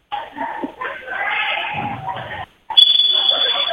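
A referee's whistle at a volleyball match between the Lady Wolves and Friona, just before a serve: a long, shrill, steady high-pitched blast that cuts in after a brief pause in loud, rumbling crowd noise and carries on over the crowd.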